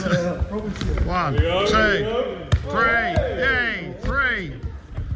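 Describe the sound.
A football thumps repeatedly off a foot during a 30-second keepy-uppers challenge held in the lead-up to the World Cup, about five dull, punchy taps at an uneven pace, heard beneath continuous excited talking.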